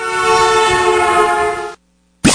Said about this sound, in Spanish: Y si ya a las 5 de la tarde, vámonos con el pitazo de las 5.